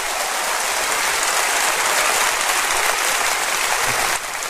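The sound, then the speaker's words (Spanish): A large audience at a church meeting applauds loudly, a dense, steady wash of clapping that holds for several seconds before easing slightly at the very end, with no voices heard. “Oh, si le va a aplaudir, hágalo bien.”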